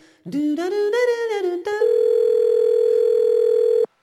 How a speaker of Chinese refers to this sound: 您所拨的电话忙线中。